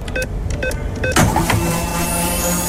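A Radio Regenbogen fuel card being recharged, as a radio station sound effect: a few quick electronic beeps, then a sudden whooshing surge that settles into a steady mechanical hum with a faint high ringing tone.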